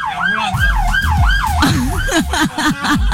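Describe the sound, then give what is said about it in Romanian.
A loud ambulance siren wails in rapid rising-and-falling sweeps, switching to a quicker, choppier yelp near the end, with traffic rumble underneath. “Ambulanța. Ambulanța.”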